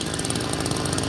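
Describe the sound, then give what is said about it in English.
A chainsaw roars loud, its motor holding a steady, gritty buzz throughout with no pauses and no voices, as rescue workers cut a tunnel through the remains of a collapsed high-rise apartment building after an earthquake. “Now, that's the sound of rescue workers using a chainsaw to cut a tunnel through the remains of this high-rise apartment building that collapsed.”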